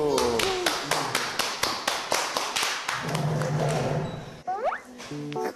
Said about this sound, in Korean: 박수.